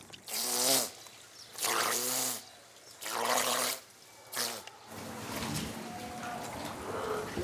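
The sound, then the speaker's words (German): A seal pup howls four times in a row, rough wailing cries that are loud and strongly voiced, the last one shorter, followed by a few seconds of quieter background noise. “Heuler werden sie tatsächlich genannt, weil sie einen Heulaut ausstoßen, um mit der Mutter Kontakt aufzunehmen und ihren Hunger zu signalisieren.”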